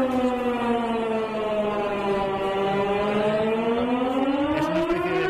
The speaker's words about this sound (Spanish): Para ver que todo funciona, este sistema de emergencias, por si alguna vez hay alguna emergencia de verdad. No, hemos pensado en una alarma antiaérea y nos hemos tirado al suelo.